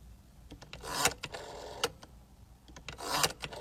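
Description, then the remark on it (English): A rotary phone dial turns twice, each pull a brief mechanical whir followed by a quick run of sharp ratcheting clicks as it spins back. The sound is moderately quiet, with no voices. “She said, how about this one, the rotary phone?”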